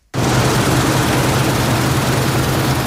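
A combine harvester's engine roars steadily in a field near Buggingen in the Markgräfler Land after a brief silence, a loud, constant mechanical drone with a deep rumbling hum underneath and no voices.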